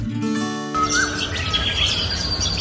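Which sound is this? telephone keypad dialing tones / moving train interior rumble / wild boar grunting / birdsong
birdsong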